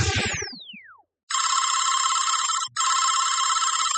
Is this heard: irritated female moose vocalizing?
no